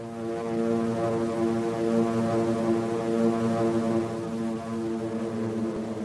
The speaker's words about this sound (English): Suddenly could be heard the steady hum of aircraft engines. A hum that grew into a steady drone. And out of the clear Pacific sky, they came, like angry insects.